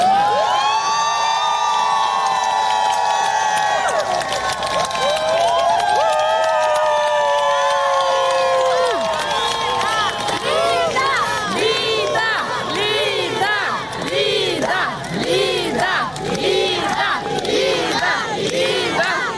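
A large crowd of supporters shouts together loudly and continuously outside a courthouse as Lida Moniava, head of the charity House with a Lighthouse, leaves the court building, with sustained drawn-out cries at first that break into a dense, rhythmic barrage of overlapping yells and chants.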